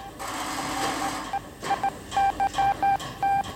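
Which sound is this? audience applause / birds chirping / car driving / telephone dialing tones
telephone dialing tones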